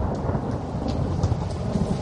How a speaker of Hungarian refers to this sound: Dörög az ég.